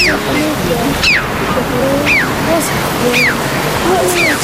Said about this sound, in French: Donc c'est son cri que vous entendez là qui est assez spécial. Le crave à bec rouge, un oiseau de la famille des corvidés,